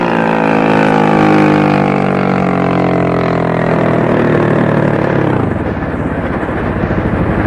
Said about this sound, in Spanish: Las lanchas se detienen cerca de ellos, iluminándolos con los reflectores.